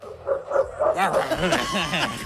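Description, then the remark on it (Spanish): Several dogs bark and yip in quick, overlapping bursts, fairly loud, forming a busy, continuous chorus for a couple of seconds. “Yo pensé que viajaban solo gatos. Los perros del ICE, boludo.”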